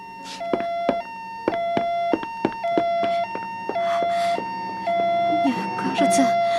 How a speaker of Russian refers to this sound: Полицейские машины почти на месте. Ты слышишь сирену? Нет. Да. Да, да, да. Теперь слышу.